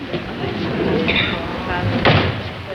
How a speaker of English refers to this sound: Wait a minute. I want to shut the door. Wait till I shut the door.